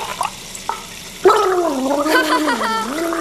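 Wet gargling with a bubbling, wavering tone that rises and falls for a couple of seconds, starting abruptly after a brief quiet moment.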